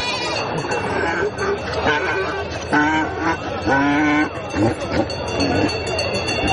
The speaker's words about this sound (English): On a hill on the other side of the encampment, there are donkeys, sheep, and goats being inspected and offered for sale.